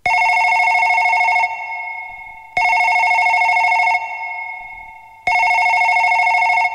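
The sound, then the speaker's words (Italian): A telephone rings loudly in three long, trilling bursts, each followed by a short fading pause, with no voices present; a phone call coming in from Brisbane, Queensland. “Le tatou lua i waya telefoni mai le tete o Brisbane, Queensland.”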